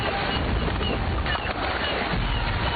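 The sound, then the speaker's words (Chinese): A dense, continuous din of many birds calling at once at a large lake wetland in Jilin, China, home to over a hundred bird species and an important migratory bird route, like a large flock gathered on open water, steady and fairly loud throughout with no voices. “那边有着百余种鸟儿争鸣的大湖湿地，是候鸟迁徙的重要通道之一。”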